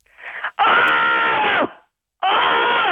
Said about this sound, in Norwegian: Det vil jo bli manipulert, sånn at det blir zoomet inn i gapet her, og så blir det sånn brøl, kan du si. Men da vil du at jeg skal skrike det, egentlig? Rett og slett det.